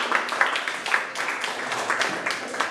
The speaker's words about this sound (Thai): ปรบมือให้ตนเองเก่งมากเลยครับ